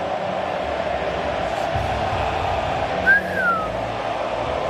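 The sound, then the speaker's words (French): A large stadium crowd, with Argentine fans in the stands, fills the air with a steady, dense roar of voices, singing and whistling during the God Save the King anthem, and one sharp whistle rises and slides down above the din near the end. “Ah, ça siffle, hein, dans les tribunes argentines, je crois, non? Il y a un mix des deux. Ça chante et ça siffle.”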